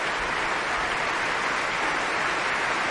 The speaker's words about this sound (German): Und hier gibt es großen Applaus gerade für die Trompete und die Bläser des Deutschen Symphonieorchesters, die jetzt nochmal alle aufstehen lässt.